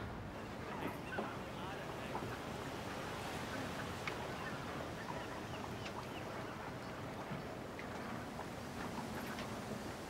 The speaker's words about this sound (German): Ein spitzen Wind.